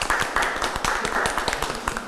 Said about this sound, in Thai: ขอเสียงปรบมือด้วยครับอย่าให้น้อยหน้านะครับ